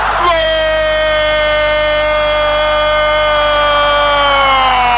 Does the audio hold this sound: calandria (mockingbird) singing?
no